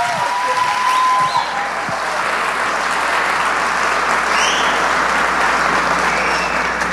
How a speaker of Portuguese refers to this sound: Vai aplaudindo!